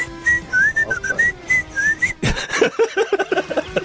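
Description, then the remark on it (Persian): A person whistles a wavering, melodic tune for about two seconds, sounding slightly distant, followed by a burst of louder, clattering noise and short sharp tones. “الان من الان رو میکنم تو کردی اون بر من سوت میزنم یعنی یه ها میتونه قافل گیر هم بکنم.”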